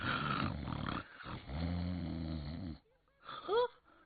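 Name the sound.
imitated loud snoring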